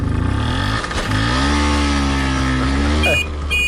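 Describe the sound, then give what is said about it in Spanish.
A 50cc Vespino moped engine runs loud with a steady buzzing drone. Its pitch climbs and dips a few times as the throttle is worked, with no pauses. “Él iba viajando, y atención, en una Vespino de 50 centímetros cúbicos.”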